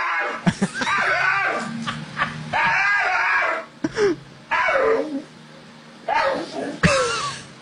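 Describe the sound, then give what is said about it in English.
An excited dog on a porch in Texas lets out a run of loud, warbling whines and yelps in about five bursts as its owner comes home from work, its pitch sliding up and down almost like talking, over a low steady hum. “I've never heard a dog make that noise before.”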